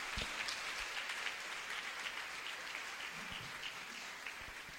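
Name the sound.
audience applauding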